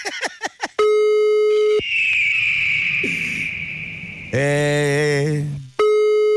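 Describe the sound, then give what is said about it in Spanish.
Telephone line tones as a number is dialled and the call goes unanswered, heading to voicemail: a few quick clicks, then a steady hum-like tone, a wavering high tone, a harsh buzzing tone and the steady tone again. Loud, with no talking. “No, señor Reyes, Santiago no nos va a contestar, Padre Santo, ¿eh? Estoy marcando en este...”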